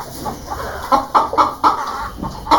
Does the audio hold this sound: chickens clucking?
yes